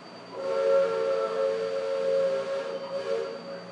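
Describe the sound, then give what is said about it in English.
A river steamboat's steam whistle blows one long, steady blast of about three seconds, a loud chord-like tone wrapped in breathy steam hiss, with no voices present. “Most of the Indians along the river don't quite know what to make of our steamboat.”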